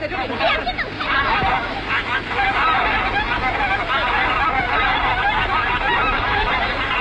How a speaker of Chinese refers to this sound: 哎，你看天鹅， 天鹅， 天鹅，天鹅，你看。